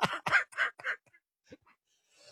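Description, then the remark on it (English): A quick run of four harsh throat-clearing coughs, fairly loud, followed by a short pause and a couple of faint breathy sounds, from a man getting over a cold. “Now you're going to make me start coughing, getting over a cold.”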